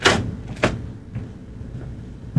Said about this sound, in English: I'm locking this door on me.